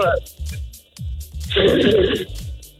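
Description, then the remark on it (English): A woman with allergies blows her nose into a napkin live on the radio in one loud, sputtering blast lasting under a second, with low voices murmuring before and after. “Can we get you to blow your nose live on the radio, please?”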